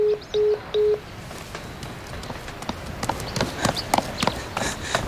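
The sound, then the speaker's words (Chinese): A telephone being dialed to call Minister Qiao, heard as three short, even electronic beeps in the opening second, followed by a steady stretch of clattering, knocking sounds with no one talking. “我这马上就给乔部长打电话，出了点状况。”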